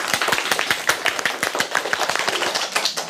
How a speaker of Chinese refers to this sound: 团结就是力量呀，你们说的太好了，我们一起为你们自己鼓鼓掌吧。